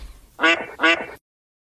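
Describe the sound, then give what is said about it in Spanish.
Two loud, nasal quacks from a duck called Pato Merlín in quick succession, each lasting about a third of a second, followed by silence. Nobody speaks. “Pato Merlín, gracias por estar con nosotros.”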